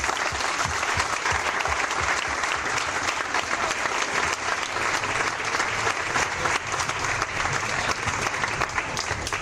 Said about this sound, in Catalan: I des d'aquí, encara que no hagi vingut, li volem donar les gràcies públicament i li volem demanar un fort aplaudiment per ell.